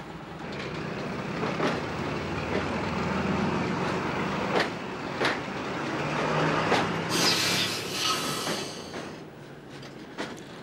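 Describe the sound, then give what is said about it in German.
A passenger train, the 8:10 from Bastia, runs rapidly downhill toward the coast with a steady low rumble, broken by sharp, irregularly spaced rail clacks and a brief high metallic squeal near the end. No voices. “Viermal täglich fährt ein Zug diese Strecke.”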